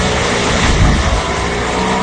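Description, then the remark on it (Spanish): Franco Colapinto's race car engine roars steadily at high revs, a loud, dense mechanical drone with a brief swell in intensity partway through and no voices over it. “Ah, Colapinto, ya empieza el rugir.”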